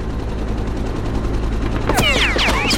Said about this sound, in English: We're taking ground fire! They shot the pilot! We're going down!